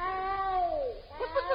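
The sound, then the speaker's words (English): A cat lets out a drawn-out meow that slides downward in pitch, then gives a few short, chirpy mews, fairly loud, with no talking. “Come here, Puss Bach.”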